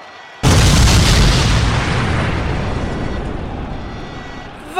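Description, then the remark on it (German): A hand grenade goes off with one sudden, loud blast, followed by a long roaring rumble that slowly fades over several seconds. No voices are heard. “Er ist explodiert und hat sich voll verteilt über den ganzen Riffzug.”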